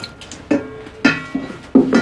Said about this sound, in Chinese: 啊，洗碗。